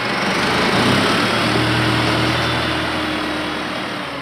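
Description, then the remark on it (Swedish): A tractor engine runs steadily, a loud, continuous mechanical drone with a low throbbing hum underneath, as the tractor is used in the evening to load hay for horses. It stays constant throughout, with no voices. “Och om kvällarna sätter han sig i traktorn och lastar in hö till hästarna.”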